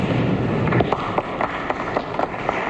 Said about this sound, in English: But Mr. Haig drew only a ripple of applause.